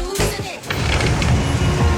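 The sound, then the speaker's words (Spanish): A couple of sharp thuds like a car door shutting as someone gets into a car, followed by a steady low engine rumble from inside the vehicle. “Salís, subís al auto.”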